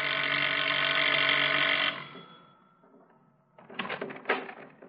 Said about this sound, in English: Anderson, after telling Milster to stay in the car and make himself as inconspicuous as possible, walks to the front door, rings the bell.